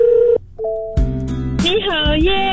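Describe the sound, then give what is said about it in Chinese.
A few steady electronic telephone tones sound in quick succession as a listener calls in to a radio station to request a song, loud, then a brighter melodic sweep of a sung or synthesized jingle takes over. “恭喜你打电话进来 UFM 1003，我要点歌。”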